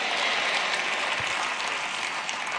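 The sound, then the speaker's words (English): An audience claps steadily, many hands blending into a dense, even wash of applause that holds at a constant loudness with no voices rising above it. “Oh, if you can't clap, say amen.”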